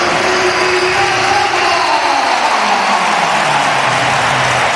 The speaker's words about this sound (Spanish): Os voy a poner un sonido de qué ovación le brindó en el momento de que saltaba el césped del Santiago Bernabéu Cazorla.